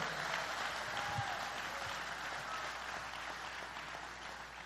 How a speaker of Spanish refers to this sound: Y si le va a dar palmas a Dios, dése la buena.